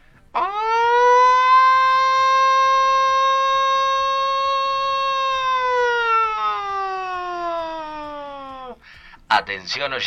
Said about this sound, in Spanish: Prendemos todas las alarmas porque esto es urgente. Escúchame bien. Mañana es 26. Prendemos las alarmas porque esto es urgente, ¿eh?